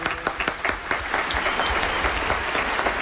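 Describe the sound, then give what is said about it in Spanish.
Steady applause from audience members seated in newly opened theater boxes, clapping so they can be heard on a radio broadcast, a dense patter of many hands clapping at once, continuous and fairly loud throughout with no voices over it. “Qué bien suenan además los aplausos desde los palcos”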